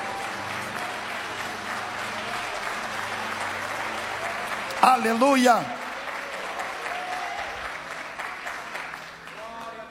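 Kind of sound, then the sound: crowd, applause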